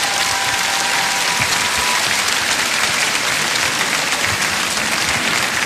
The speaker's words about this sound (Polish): A przy okazji chcemy podziękować chłopakom za to, że robią to szybko, sprawnie, tak żebyśmy mogli dzisiaj. Tak jest, wielkie brawa dla nich, panowie.